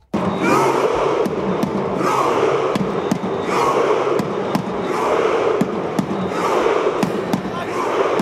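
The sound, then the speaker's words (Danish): Norwegian football fans in a stadium celebrating a Norway win roar and chant continuously while a drum they brought booms out a steady beat to set the rhythm, sharp regular hits punching through the dense, loud wash of cheering voices. “De har med tromme, de spiller og slår an takten, og så sitter de andre der på banen og bare ror.”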